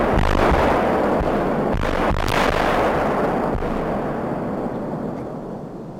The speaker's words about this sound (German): Doch zunächst ist weit über die Mellenthiner Heide hinaus jenes durchdringende Signal zu hören, das eine baldige kontrollierte Bombendetonation ankündigt. 3, 2, 1, Zündung! Erst zeitversetzt kommt das laute Knallen.